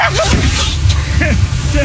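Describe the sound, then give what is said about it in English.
An alligator sneezes twice, each a loud, abrupt snorting burst with a wheezy, rising-and-falling whistle, separated by about a second over a steady low rumble. “Here is an alligator sneezing if you've never heard it before.”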